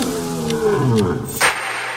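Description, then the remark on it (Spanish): A Bengal tiger roars, a deep, gravelly growl that swells and slides in pitch before ending in a sharp, breathy burst. No one speaks. “El tigre de Bengala es uno de los felinos más grandes y poderosos del mundo.”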